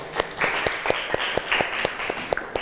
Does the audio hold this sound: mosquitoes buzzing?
no